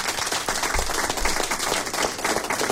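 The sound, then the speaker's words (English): A crowd breaks into a steady round of applause on 102.3 HFM radio, for everybody who took part in the second round of the quiz with no name, many hands clapping densely and continuously at a fairly loud, even level throughout, with no voices standing out. “Well, I'm happy to say that everybody that took part in the second round of the quiz with no name all got a round of applause.”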